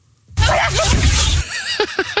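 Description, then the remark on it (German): An alligator sneezes in a viral online video: a sudden loud, breathy burst with a low rumbling undertone lasting about a second, trailing off into a few faint, high squeaky chirps. “Dieser lebende Dinosaurier, diese Killermaschine, dieser Alligator, der niest, Achtung, so.”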